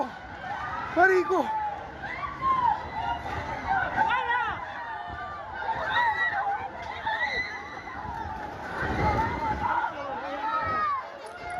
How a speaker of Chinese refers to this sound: 强震发生时，加拉加斯郊区房屋瞬间坍塌，烟尘滚滚，居民四散躲避，呼喊尖叫声不断。